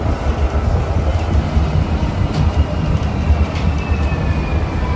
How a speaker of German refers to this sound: Vom Bahnhof zu Freiburg geht es dann noch weiter mit dem Bus.